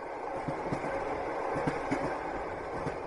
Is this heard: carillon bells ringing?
no